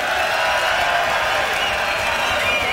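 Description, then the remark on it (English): A crowd screams and cheers for a guitarist, a loud, steady roar of high-pitched shrieks and whoops with scattered clapping, sustained without a break for about three seconds. “Y'all give him a scream.”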